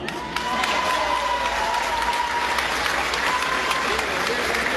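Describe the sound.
An audience breaks into steady, loud applause, a dense wash of clapping that holds evenly throughout, with a few faint whistles and voices mixed into the crowd noise.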